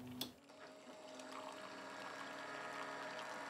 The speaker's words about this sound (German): Ich denke mal, das ist ein Handfilter simuliert, damit das überall gleichmäßig viel Wasser abbekommt, der Kaffee.